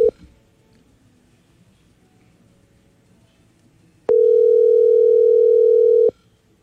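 A phone's ringback tone while a WhatsApp call connects: a brief beep, a few seconds of quiet hiss, then a loud, steady mid-pitched tone holding for about two seconds before cutting off.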